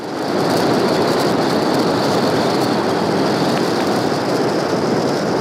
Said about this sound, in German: In der Straße von Gibraltar ist das aber alles andere als einfach. Rund 60.000 Schiffe durchqueren dort jedes Jahr die Meerenge, weshalb es unter Wasser oft so klingt.